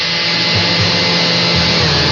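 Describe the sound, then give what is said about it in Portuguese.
A blender motor whirs loudly and steadily for the whole stretch, a dense, even roar with a slight low churning wobble and no voices over it, as gelatin and boiling water are blended to dissolve the gelatin. “Isso, bateu para dissolver.”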